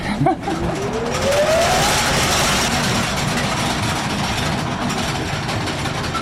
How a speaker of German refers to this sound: Und wir haben hier eine sogenannte Schremmmaschine, die hat sozusagen einen Schlitz in das Kohleflöz geschnitten, damit die Kohle besser rauszubrechen war, also besser abzubauen war. Muss ich mir jetzt die Ohren zuhalten? Besser wäre.